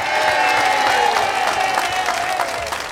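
A crowd applauds steadily for a member of the band a band who has played with them for 27 years, many hands clapping in a dense, sustained wash that fades slightly toward the end, with some faint voices mixed in.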